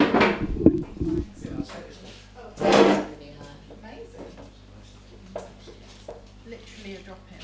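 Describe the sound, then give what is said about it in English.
A chair is pulled up to a table, scraping across the floor in two rough bursts, a longer drag at the start and a shorter one a few seconds later, with quiet murmur in between. “You can come sit in between us, and we can. Yeah. Let's do that. Pull a chair.”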